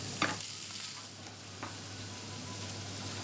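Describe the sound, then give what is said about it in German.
Pointed cabbage, already braised whole in the oven and charred a little on the outside, is briefly seared in a pan for roasted flavor, with a steady, even hiss of frying, broken by two brief clicks or taps, one near the start and one midway. No one speaks. “Jetzt wird er fürs Röstaroma noch mal ein bisschen angebraten.”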